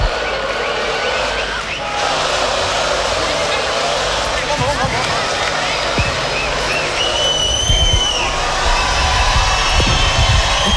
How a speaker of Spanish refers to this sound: Más fuerte el aplauso para esta gran banda nacional,